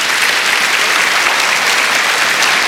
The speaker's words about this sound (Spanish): Un aplauso para ella, por favor.